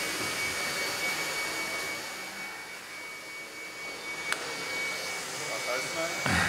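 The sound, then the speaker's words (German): A battery-powered motor runs steadily, giving off a constant, hissing whir with a thin high whine, its level holding even throughout apart from a single sharp click partway through, while the chain on the right does not turn with the sprocket. “Kaum läuft der Motor, taucht das nächste Problem auf.”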